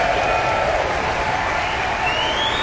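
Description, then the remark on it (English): Sustained, dense applause from the audience at the final performance of the Aspen Music Festival season, after Beethoven's Ninth Symphony conducted by David Robertson, steady and loud throughout, with several high whistles cutting through and one rising whistle near the end. “they're enthusiastically applauding and whistling this final performance of the Aspen Music Festival season”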